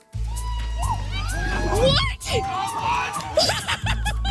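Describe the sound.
An excited crowd cheers and shouts continuously as a 33-year-old golfer sinks a hole-in-one on the 135-yard 16th hole at the National Special Olympics in Medicine Hat, Alberta. The loud dense mix of voices has rising whoops, squeals and laughter, with a brief dip midway before the jubilant noise surges again.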